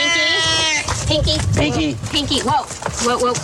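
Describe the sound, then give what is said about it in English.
An agitated cat, Pinky, a male domestic shorthair rescue cat from Placer County Animal Shelter, lets out a loud, drawn-out yowl, then more strained cries mix with people talking over it. “Pinky. Whoa. We got a wild cat on our hands.”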